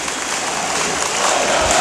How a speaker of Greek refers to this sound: Ο Θανάσης θα μπει στο παιχνίδι στη θέση του Ρόμπινσον. Πάει στον πάγκο με 5 πόντους. Το χειροκρότημα είναι για τον Θανάση Αντετοκούνμπο.